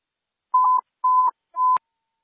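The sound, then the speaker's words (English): Three short, steady electronic alert tones from a dispatch radio, test tones for station 73, evenly spaced at the same mid pitch, each ending with a slight click, sounding clearly with no one talking. “Testing tones for station 73, testing tones for station 73.”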